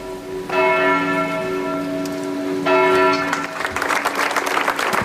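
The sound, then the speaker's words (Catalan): A church bell tolls twice, its ringing lingering, then a crowd of about 200 people gathered at the doors of the town hall in Manresa breaks into steady applause to end a minute's silence, swelling over the fading bell, no voices heard. “Amb aplaudiments, unes 200 persones congregades a les portes de l'Ajuntament han trencat el silenci d'una ciutat, Manresa, que avui durant un minut ha emmudit.”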